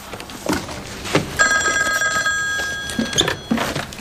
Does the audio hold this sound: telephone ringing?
yes